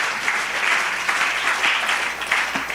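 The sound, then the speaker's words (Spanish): A church audience claps together for the Lord on an afternoon in steady, sustained applause, a dense crackle of many hands at full volume with no voices standing out. “Dele ese aplauso al Señor en esta preciosa tarde.”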